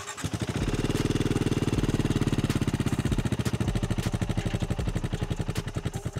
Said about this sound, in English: And if you're wondering whether it sounds like the Bear 650, answer is no, absolutely not. It has a very distinctive exhaust note which feels slightly busy but crummy, if anything.